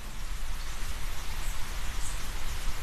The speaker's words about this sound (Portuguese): Bastante chuva e os passarinhos enfrentando elas, né?